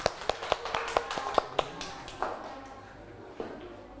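A small group claps in a quick, uneven burst of sharp slaps for about a second and a half, then the applause thins out, with one last clap near the end over a low murmur.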